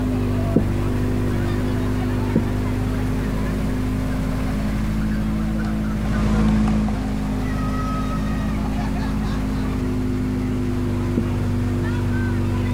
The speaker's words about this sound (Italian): Queste intanto le immagini di Primo Canale, siamo appunto alla macchina di Ferretti in Costa, l'ultima Peugeot 208 della Rally 4.